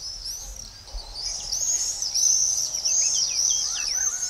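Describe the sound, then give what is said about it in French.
Shrill, high-pitched screaming calls of common swifts ring out almost continuously, several birds overlapping with short descending trills, fairly loud against a faint background hum, with no one speaking. “C'est un oiseau fait pour voler.”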